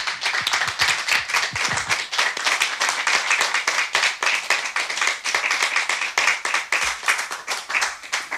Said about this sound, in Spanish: Y para que se sepa que en la sala hay gente, pues vamos a aplaudir a los compañeros que van a participar.